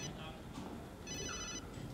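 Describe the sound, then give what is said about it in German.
A mobile phone rings with a bright, electronic tone in short repeating bursts, heard over a steady low background rumble and murmur of voices. “Wollen Sie nicht an Ihr Handy gehen?”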